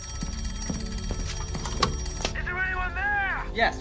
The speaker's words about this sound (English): but if the bird was dead ahead, as in this case, they had to give three sharp rings of the bell, and that is the sign that something is coming straight towards them.